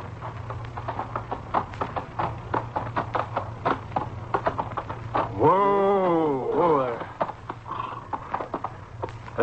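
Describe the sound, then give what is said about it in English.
A horse's hooves clip-clop in a quick, steady rhythm as the horse heads into a camp. Midway through, a loud whinny rises over the hoofbeats, with a low steady hum underneath throughout. “You're home, horse. Come on, boy.”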